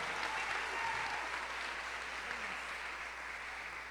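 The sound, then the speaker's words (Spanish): An audience applauds steadily in praise of God, a dense wash of many hands clapping at an even level throughout, with no clear individual claps standing out and no voices heard. “regálale un fuerte aplauso a él en alabanza.”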